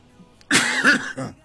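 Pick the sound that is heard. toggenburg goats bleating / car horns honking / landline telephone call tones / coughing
coughing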